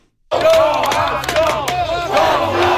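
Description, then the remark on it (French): A large crowd of Montreal Canadiens hockey fans in Buffalo roars and chants loudly and continuously, voices blending into a dense, sustained wall of cheering with rising and falling shouts throughout. “Ils étaient un peu moins nombreux qu'à Montréal, mais les partisans du Canadien présents à Buffalo ont su faire entendre leur voix.”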